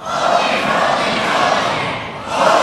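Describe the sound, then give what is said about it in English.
An audience screams "Holy, holy, holy" loudly and continuously in call-and-response with a preacher, urged to get louder, a dense roar of many voices that holds steady, dips briefly, then surges again near the end. “Come now. Louder. Louder. Louder. Scream!”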